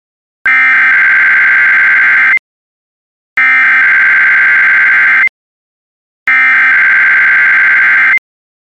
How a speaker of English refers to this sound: This is the National Weather Service office in State College, Pennsylvania. The tones you just heard were a test of the specific area message encoding and tone alert systems.